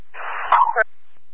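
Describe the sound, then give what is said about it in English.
A single sneeze, fairly loud: a short breathy build-up that bursts into a sharp, abrupt release, followed by silence. “bless you.”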